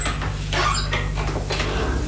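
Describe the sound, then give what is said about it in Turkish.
An unlocked house door creaks open with a few scraping, squeaky pulls of the hinges, moderately loud over a low steady hum. “Ah, gerçekten açıkmış. Gel bakalım.”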